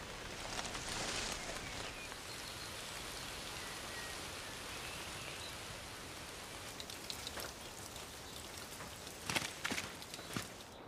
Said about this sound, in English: Rain beats down on the forest, and our poorly concealed fox seems to be listening to the raindrops falling onto the surrounding leaves.